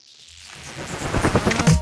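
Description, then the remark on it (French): Rain builds from a faint hiss into a steady downpour, its dense crackling patter growing louder over a couple of seconds, with no voices. “Commander directement la pluie.”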